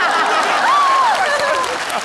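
Steady, dense applause from an audience fills the whole two seconds, a loud crackling wash of many hands, with a brief rising-and-falling vocal whoop or cheer cutting through the middle.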